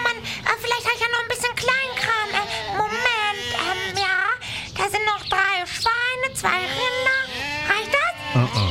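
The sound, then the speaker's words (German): A flock of 30 sheep bleats continuously, many quavering, overlapping cries rising and falling for the whole stretch, fairly loud and with no pause between calls. “Aber ich hab nur 30 Schafe dabei.”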